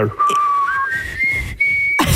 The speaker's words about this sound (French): Est-ce que tu viens d'essayer? Oui, mais moi, je siffle pas par l'extérieur. Là, toi, tu l'aspires. Oui, c'est ça.